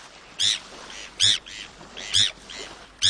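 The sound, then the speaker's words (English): Bonaparte's gull calls: harsh, raspy cries repeated about four times at a steady rhythm, with fainter answering calls in between, with no talking. “This is one gull you're never going to see in a garbage dump. Bonapartes find food in several ways, but not by picking through trash.”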